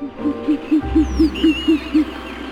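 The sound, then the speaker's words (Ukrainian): An owl hoots eight times in a quick, steady series of soft, low calls, with a faint low rumble and thin high bird whistles in the background. “А пані сова тільки що прокинулась від сну.”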